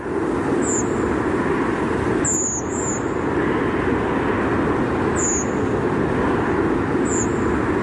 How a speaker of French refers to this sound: Alors cette fois-ci, oui. C'est une grive Movis, enregistrée à 21h24.